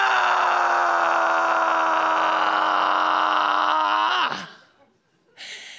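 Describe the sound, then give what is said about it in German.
A performer lets out a long, loud, strained scream-like groan as if in pain, holding it for about four seconds before it breaks off with a falling pitch, then a brief noisy burst follows. “Wegen dieser Tage, die sie ableisten, zu Hause, Monat für Monat, bei vollem Lohnausgleich, sind flutartige Sturzbäche aus ihren Lenden pressend und dabei schreien.”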